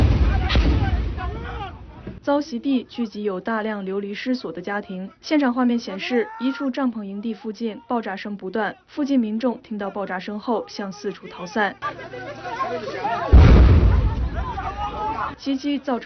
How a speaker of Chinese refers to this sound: 现场画面显示，一处帐篷营地附近爆炸声不断，附近民众听到爆炸声后向四处逃散。